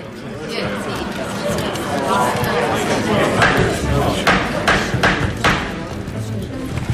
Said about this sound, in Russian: Молоток. Обязательный атрибут любого суда. Как без него? Удар молотка лучше любого слова наводит порядок в зале. Этот удар заканчивает любые споры. После него говорить может только судья.